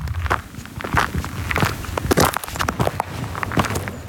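Steady footsteps crunch along a gravel (macadam) road, setting off from the Črni kav trailhead above the village of Javorje on a sunny morning at the start of a 50-minute hike; each step a gritty scrape in an even walking rhythm, with no voices.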